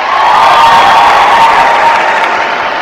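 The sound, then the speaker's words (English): A crowd breaks into sustained applause to show they like cats more than dogs, dense clapping with a few cheers mixed in, loud and steady for a few seconds. “How many people, by round of applause, like cats more than dogs?”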